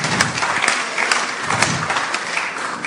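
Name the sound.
audience applause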